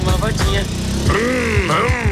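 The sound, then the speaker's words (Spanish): A voice imitates the engine of a brand-new motorcycle being started and accelerated, a loud, buzzing drone whose pitch swoops up and down in repeated surges for about two seconds. “Hágame el favor, encienda esa motocicleta. ¡Ah! ¿Cómo suena de linda esa motocicleta? Ahora acelérala.”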